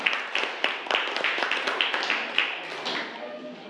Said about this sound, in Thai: เดี๋ยวให้กลุ่มที่5เป็นผู้นำเสนอหน้าชั้นเรียนได้เลยค่ะค่ะขอเสียงปรบมือให้กับกลุ่มที่5ด้วยค่ะ